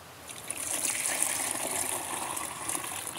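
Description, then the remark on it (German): One liter of fermented plant liquid manure containing rock flour pours steadily from a container in a continuous splashing trickle, to be mixed with ten liters of water for fruit trees and berry bushes; its rushing hiss holds fairly even for a few seconds with no voices over it. “So, dann können wir davon jetzt, ich mache es mal hier rüber, weil sonst oft daneben gieße, 1 Liter abgießen.”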